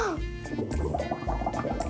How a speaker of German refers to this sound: Und jetzt die Blubberblasen. Jetzt mache ich noch mal Wellenbad. Umso mehr welliger ich es mache, umso mehr Schaum ist es. Ich kann auch selber Blubberblasen machen.